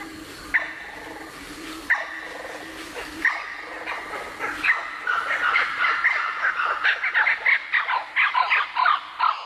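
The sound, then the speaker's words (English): A blue-winged kookaburra gives a harsh, raucous call that starts with spaced barking notes and builds into a rapid, loud cackling chatter, with no talking. “The blue-winged kookaburra. It's not the sound of the laughing kookaburra, but the blue-winged kookaburra.”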